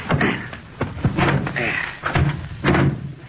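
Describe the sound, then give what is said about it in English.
A car door clicks open and then thuds shut with a solid slam while voices talk over the clatter. “Well, somebody open the door.”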